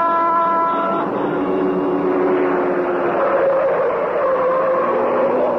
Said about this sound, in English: Like a glittering black comet in the darkness, the car of the Green Hornet whipped through the city streets. So fast was it, and yet so easily did it handle that the Black Beauty could make twice the speed of ordinary cars with more safety.